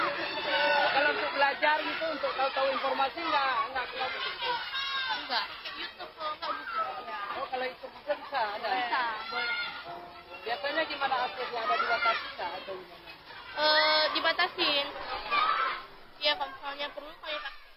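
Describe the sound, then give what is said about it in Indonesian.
Students at MTS Harapan Bangsa chatting among themselves with light laughter while reviewing lessons and watching learning videos on laptops; light, overlapping conversation, several voices talking at a steady, moderate level with lively rising and falling pitch throughout. “Tawa kecil dan diskusi ringan terdengar di antara mereka, menjawab wartawan dengan nada tersipu malu tapi serius.”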